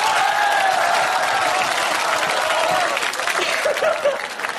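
Sustained audience applause at a China Central Television (CCTV) show, where the audience claps to judge between performers. A dense wash of clapping holds steady for several seconds, with scattered cheers and a few chuckles rising near the end before it starts to thin.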